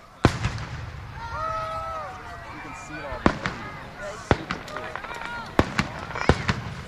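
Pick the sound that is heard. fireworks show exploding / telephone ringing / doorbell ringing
fireworks show exploding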